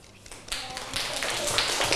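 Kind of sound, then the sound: crowd, children clapping applause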